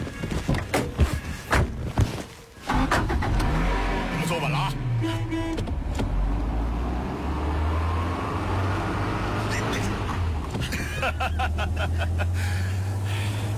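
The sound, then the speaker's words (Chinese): A few thumps and clatter, like car doors, give way to a car engine that revs up and then runs steadily as a commander drives to the Yangpingli weather station, its low hum rising and settling as it drives, with voices faintly underneath. “上车吧，我来开。”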